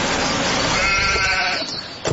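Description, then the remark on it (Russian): A tied-up lamb lying on the ground bleats in one long, quavering cry lasting about two seconds, loud, with a brief rough catch near the end and no voices. “рядом лежит барашек связанный.”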